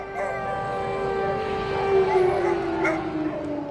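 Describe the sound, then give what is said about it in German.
An air raid siren wails outside a nuclear power plant in Ukraine during an air raid alert. It holds a steady, rich tone that sags slowly in pitch across nearly four seconds, with a faint rumble of background noise beneath it. “heulen draußen die Sirenen, Luftalarm, wieder einmal.”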